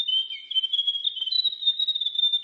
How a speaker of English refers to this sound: The Diddle Diddle. The Grey Warbler.